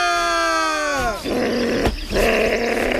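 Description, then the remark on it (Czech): A fox growls: a strained, tonal whine that sags slightly in pitch for about a second, then breaks into a rough, raspy, sustained snarl with a brief catch midway. No talking. “Moc na mě nevrč, potvůrko.”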